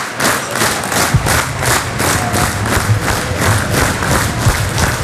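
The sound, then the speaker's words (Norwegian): A loud football stadium crowd at the Haugesund versus Sandnes match roars and cheers continuously, with rhythmic surges of chanting about every half second and a few dull thumps beneath the steady wall of voices. “og publikum, ja, hør på publikum.”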